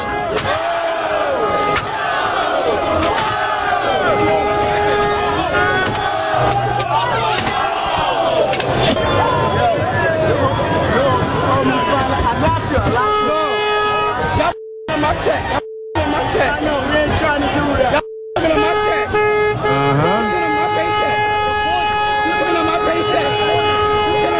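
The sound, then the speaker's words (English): A rowdy crowd shouts and yells nonstop while trashing a school bus, with sharp banging and crashing impacts ringing out repeatedly and loudly, and a steady horn-like tone sounding near the end. “They're trashing the bus, and the bus driver, who is a thin black man, is out there trying to negotiate with them and saying, this is my bus.”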